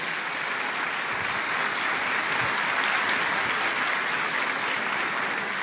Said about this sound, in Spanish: Les damos la bienvenida a todos ustedes con este caluroso aplauso de bienvenida.